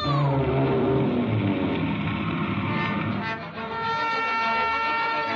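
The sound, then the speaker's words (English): A cartoon whale sneeze effect: a loud, sustained roaring blast with wailing, tonal overtones and a rushing whoosh that carries on for several seconds with no talking. “I was right outside when that whale sneezed.”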